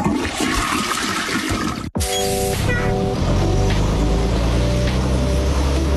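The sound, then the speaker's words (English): A loud toilet flush: rushing, hissing water that cuts out for an instant, then resumes with a deeper gurgling roar as the bowl drains, with no voices. “This could have all been prevented if people didn't flush baby wipes down the pipes.”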